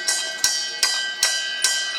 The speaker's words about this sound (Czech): Procházíme kolem těch kotlů a tady je zvonec, ale pro boha na co? Ten je tady proto, abyste slyšela tenhle zvuk.